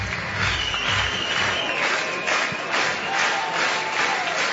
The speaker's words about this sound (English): What a beautiful late morning here in Athens. The 0-1, bounce foul, third base side. It's nothing and two. And this crowd is just supercharged.